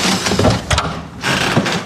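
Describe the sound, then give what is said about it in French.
A very narrow door leading on from the first office, where André Gide's archives are kept, is opened, with a rattling mechanical latch and a grinding scrape that comes in two short bursts over a steady background hiss. “On peut continuer par cette porte très étroite.”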